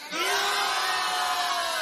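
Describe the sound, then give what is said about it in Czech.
A large crowd at Stříbrný rybník in Hradec Králové, Czech Republic, shouts and cheers loudly to show it is ready before a concert begins, a sustained roar of many voices with whoops rising above it, filling the whole stretch without a break. “Přátelé, já vás poprosím, abyste tak křičeli, že jste tady a jste připraveni?”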